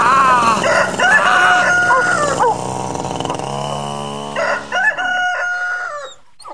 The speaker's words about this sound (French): Et à 7 heures pétantes, le coq se mit à chanter.